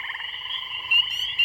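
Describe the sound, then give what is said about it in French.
A dense chorus of frogs croaking together in a steady, continuous trill, fairly loud, with no voices and a few brief swells in volume. “Les batraciens, des grenouilles, des crapauds”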